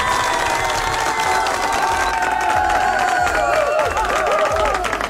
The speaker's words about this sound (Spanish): Un fuerte aplauso para las personas que programaron las canciones.